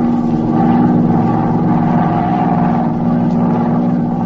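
A plane's engine, circling at high altitude over the city of Osborne at night, drones with a steady hum, a low, throbbing rumble and layered tones at an even, loud level throughout, with no voices.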